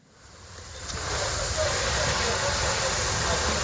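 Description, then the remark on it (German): Firefighters hosing down the last flames at dawn on a charred site in a commercial area in the south of Kyiv, Ukraine: a steady, loud hiss of spraying water swells in over the first second and holds, with a low engine rumble churning underneath. “Ein Feuerwehrmann schreitet im Morgengrauen über ein verkohltes Gelände. Seine Kollegen löschen letzte lodernde Flammen.”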